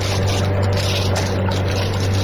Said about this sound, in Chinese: 舱外果然传来突突突的汽艇声，马达越来越响